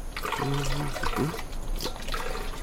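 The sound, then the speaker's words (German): Water glugs and splashes as it is poured from a water canister into bottles in the desert, the gurgling pitch shifting as it fills, with brief bursts of splashing. “Wir füllen sie nur schnell auf. Ja, bitte, hier ist der Wasserkanister.”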